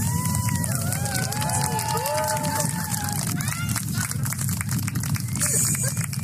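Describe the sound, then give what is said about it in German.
A large crowd outdoors claps steadily, after the sun came back, while scattered cheers and whistles rise above the din, a loud, continuous wash of applause with no pause. “Das war auch besonders, dass die Menschen das so gewürdigt haben, eben mit Applaus.”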